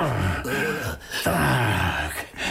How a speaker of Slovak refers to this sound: No, ani sa nezobudil. Chrápe, že by z neho mohol pásy rezať.